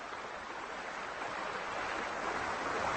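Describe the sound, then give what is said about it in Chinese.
A steady hiss of flowing water as a stream's babbling turns to rushing water in the spring thaw, swelling slightly louder toward the end with no voices or other sounds. “最初的温暖日子过后，一切都变得势不可挡，小溪的潺潺流水变成了湍急的水流，最后大河里的冰面开始断裂融化。”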